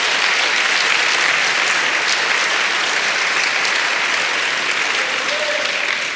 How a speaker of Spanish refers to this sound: Vamos, denle un aplauso al Señor si quiere aplaudir.